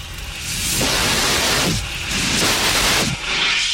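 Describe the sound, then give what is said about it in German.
A portable handheld CO2 fire extinguisher sprays in loud, hissing blasts, putting out a fire in Sector B, three broad surges of harsh noise swelling and easing across a few seconds with no pauses, no voices heard. “Den mobilen Kohlendioxid-Handlöscher benutzen.”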